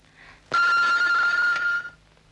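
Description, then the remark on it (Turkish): An old telephone bell rings loudly in a single sustained burst of about a second and a half, a harsh metallic jangle that stops abruptly, leaving quiet. “Şimdilik şu telefonlara cevap ver yeter.”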